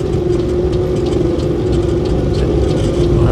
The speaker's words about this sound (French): Ah, un petit avion qui est passé là-bas. Tu vas le voir. Ah, tu le vois là-bas?